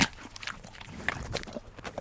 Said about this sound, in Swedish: Hur många tuggor tar det att få en häst att käka upp ett äpple, skulle du säga? Alltså, hon tar ju en rejäl tugga och sen så är det lite mer smaskande, hör du kanske här. Ja. Ja. Här kommer en rejäl tugga till.